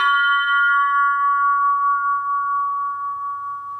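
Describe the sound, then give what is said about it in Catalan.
A single strike on the lower part of a model bell of variable wall thickness rings out with a bright metallic attack, then a sustained, harmonious tone with several clear partials forming a perfect triad that slowly decays, heard alone. “El cop inferior de gruix variable que dona una tríada perfecta.”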